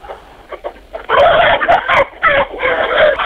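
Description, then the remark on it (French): Chickens in a henhouse cluck and squawk, a few short calls at first, then a loud, nearly continuous burst of agitated clucking with brief pauses, no talking. “Eh bien, actuellement, je suis dans mon poulailler au milieu des poules.”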